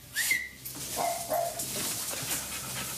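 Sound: dog barking and whimpering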